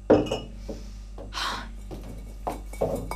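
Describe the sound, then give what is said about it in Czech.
Glass bottles clink and knock together in a few irregular bursts as they are handled and tidied away, with a brief scraping shuffle between the clatters and no voices. “Přestaň. Polož ty lahve.”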